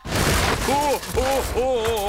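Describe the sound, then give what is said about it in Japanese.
A door being forced open by Japanese Ministry of Defense staff: a steady, loud rush of rattling, scraping noise with three drawn-out creaking, groaning tones that rise and bend as it strains. “申し訳ないですが、力ずくで行かさせていただきます。”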